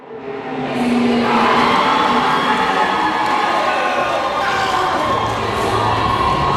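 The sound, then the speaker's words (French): A crowd of high-school teenagers shouting and cheering at a robot competition in a large Bombardier aircraft finishing hangar in suburban Montreal, a loud, sustained, overlapping wash of excited voices that swells in the first second and stays dense and energetic throughout. “Il y a des adolescents un peu partout qui vont dans tous les sens”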